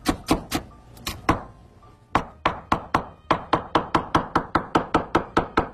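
A knife chops scallions and ginger on a cutting board: a few sharp, crisp strikes, a brief pause, then a fast, steady run of close, loud chops with no talking.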